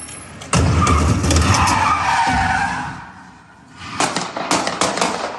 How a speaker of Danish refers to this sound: Den her video, som jeg har fundet hos TV2, viser sådan en hvid bil, der vender 180 grader meget hurtigt, kører ind i en stor skraldespand, imens den gør det, og så samtidig så følger en politibetjent til fods efter bilen og skyder adskillige gange